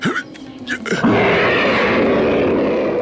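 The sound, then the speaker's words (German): The panther Bagheera lets out a low, rumbling growl through a hollow tree trunk that swells into a loud, sustained roar, echoing with a hollow, resonant quality until the end. “Und wieder brüllte der Panther durch den hohlen Baumstamm.”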